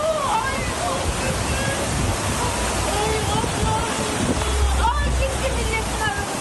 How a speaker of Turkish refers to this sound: Yalova'da yağıştan olumsuz etkilendi. Sağanak nedeniyle dere taştı, vatandaşlar mahsur kaldı.